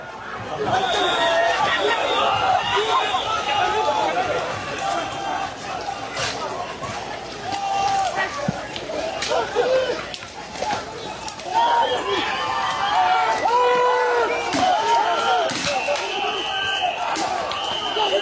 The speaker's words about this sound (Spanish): le vamos contando de que la policía francesa despliega estos cañones de agua y gases contra estudiantes. Para quienes ven y oyen el programa, aquí está lo que ocurre.